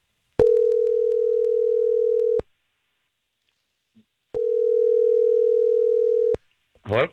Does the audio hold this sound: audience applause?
no